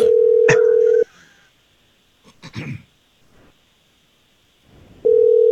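A phone call in progress: a steady electronic ringback tone sounds for about a second, followed by a long quiet gap with faint rustling, then the ring tone starts again.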